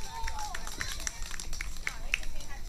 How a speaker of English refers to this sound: Well done, Turtle Boys. Big round of applause for them, please.